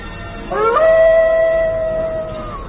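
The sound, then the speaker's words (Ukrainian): A jackal, Basila, howls fiercely once: a loud, drawn-out cry that slides upward in pitch, then holds a steady, wavering tone for about two seconds over a low background hiss. “Люто завив шакал Басила.”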